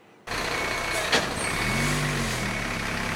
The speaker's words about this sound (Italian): Non si ferma il viavai dei mezzi dei vigili del fuoco qui nella zona industriale di Vico Pisano. Andrà avanti per tutta la notte il lavoro per domare il rogo scoppiato stamane alla Delca, azienda che si occupa di raccolta e riciclo plastica.